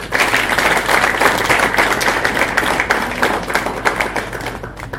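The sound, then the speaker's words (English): A crowd applauds steadily to welcome the MP for Molo, many hands clapping in a dense, sustained burst that stays loud throughout before easing slightly at the end, with no talking over it. “Join me, please, in welcoming the Honourable Member Kimani, the MP for Molo.”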